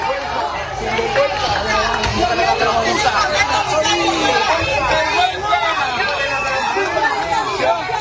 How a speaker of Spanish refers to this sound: Entre estas personas que gritan